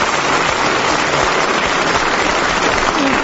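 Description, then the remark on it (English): A crowd applauds steadily, a dense, even wash of many hands clapping at once, fairly loud and sustained for the full few seconds with no voices over it. “But not quite as much applause as I got.”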